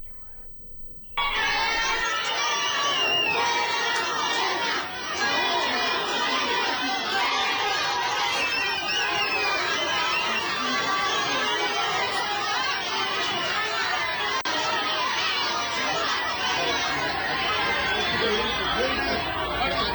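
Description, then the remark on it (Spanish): A dense crowd at an airport bursts into loud, continuous shouting at arriving Morena organization secretary Andrés Manuel López Beltrán after a brief quieter moment, many voices overlapping into a steady roar that stays intense throughout. “Dijeron después, es que la gobernadora mandó a gente a gritarle.”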